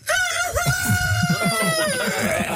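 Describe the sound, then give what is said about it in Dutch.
A person loudly imitates a rooster's crow in one long, sustained call with a rising then wavering pitch, lasting a couple of seconds with no other talk. “kun je hem nog 1 keer doen? De haan?”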